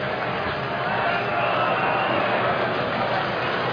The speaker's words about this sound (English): Brewers fans are trying to get loud. Cubs fans trying to shut them down as Shaw takes a strike.